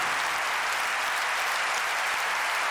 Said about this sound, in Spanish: Tu presencia está aquí, Señor. Tu presencia está aquí. Dale un aplauso a la presencia de Dios.